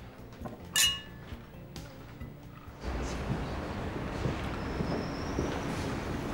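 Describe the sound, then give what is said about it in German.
Glasses clink together once in a toast, a single bright ringing chime near the start, followed by a quiet stretch and then a steady, low background rumble with no talking. “Jetzt lass uns die Arbeit vergessen und auf uns anstoßen.”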